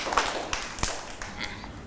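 Children in a class clap their hands in applause for an older child, a loose, uneven patter of soft, sharp smacks, several scattered claps over about two seconds rather than a steady rhythm.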